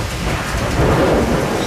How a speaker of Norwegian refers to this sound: Litt lenger unna det lynet.